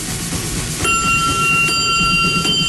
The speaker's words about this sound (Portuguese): bateu o sino, vai começar a catequese.